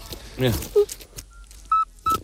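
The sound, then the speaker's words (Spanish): A toad's whistling call: three short, pure, high-pitched whistled notes at a steady pitch, the last two louder. A brief burst of voice comes before them. “Y es un animal de hábitos principalmente nocturnos, lo cual me cae bien, y su canto recuerda al silbido este que nos han puesto, que no se lo creen ni Dios, pero un sapo así.”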